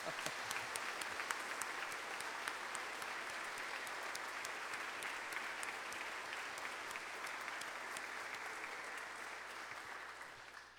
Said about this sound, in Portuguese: Então vamos dar uma salva de palmas bem forte para eles, porque eles merecem muito mais que isso, né?